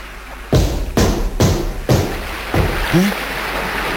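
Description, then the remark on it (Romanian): The steel hull of a 'monster' taken for a whale is kicked five times by someone standing on its back, in an uneven rhythm, each blow a heavy, resonant thud with a short ring, followed by a brief faint rising whine over a low watery rumble. “Ia, ia, ia, loviți-o cu piciorul.”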